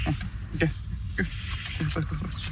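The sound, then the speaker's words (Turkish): A newborn lamb sucks milk from a person's finger dipped in milk, offered like a mother's teat, making quick wet smacking and slurping sounds in an uneven rhythm, with soft snuffly grunts and faint murmured voices behind. “Bu yüzden parmağıma biraz süt sokup parmağımı kuzuların ağzına soktum ve anne memesi gibi onlara alıştırdım.”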